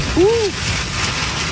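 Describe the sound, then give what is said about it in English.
Heavy rain from a thunderstorm with lightning pours down in a steady, dense hiss that fills the whole clip, with a short vocal exclamation rising briefly over it near the start. “Here's the rain.”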